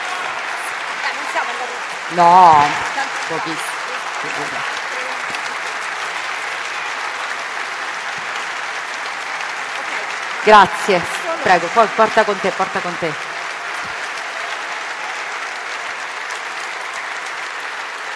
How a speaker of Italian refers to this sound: E allora un grande applauso a Francesca Albanese per il suo prezioso contributo.